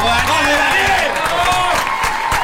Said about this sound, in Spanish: Lo aplaudimos, Daniel.